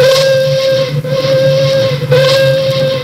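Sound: steam locomotive whistle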